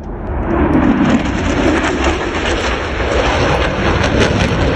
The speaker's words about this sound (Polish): Łódź dołączyła do miast, nad którymi jutro przelecą najnowsze polskie samoloty bojowe F-35. Chwilę po 9 samoloty wystartują z bazy w Łasku i polecą w stronę Trójmiasta.